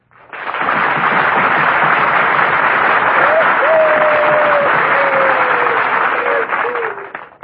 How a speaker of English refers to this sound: Thank you very much for that applause. Maybe I'd feel that I really deserve it if I could make you all go out and buy at least one extra war bond.